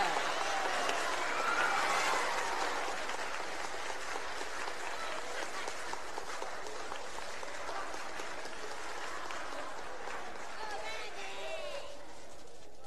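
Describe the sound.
A crowd applauds steadily, with dense, crackling clapping that holds for several seconds and slowly thins. A few faint voices and cheers come through the clapping.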